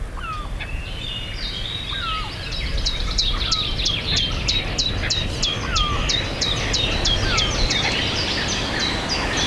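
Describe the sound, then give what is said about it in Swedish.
A common chiffchaff sings a steady, evenly paced series of high two-pitched notes at Björkeby, clear, with other birds calling softly and a low rumble of wind or other noise underneath. “Gransångare.”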